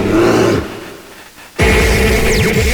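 A bear roars loudly in two gravelly bursts, with a brief quieter pause between them and no talking.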